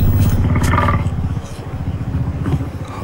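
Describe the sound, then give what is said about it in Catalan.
A woolly mammoth call: a loud, deep roaring bellow that flares brighter in its first second, then continues as a lower, rough, pulsing growl for about three seconds. “A ne, to je dlakavi mamut.”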